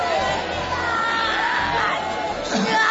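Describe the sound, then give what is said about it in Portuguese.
A group of church women workers shouting prayers all at once, calling on Jesus to burn the evil one as Satan is cast out; a dense, loud, continuous clamor of overlapping voices with occasional higher cries rising above the crowd. “Irmãs obreiras aqui na frente, vão gritando para Jesus queimar ele.”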